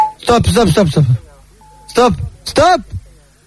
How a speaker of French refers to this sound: Dès que quelqu'un t'intéresse, dis stop après le bip